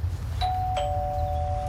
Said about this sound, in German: Ich klingel mal bei Nico.